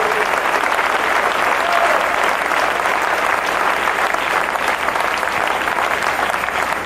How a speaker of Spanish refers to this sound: Dele palmas al Rey. Dele palmas al Rey.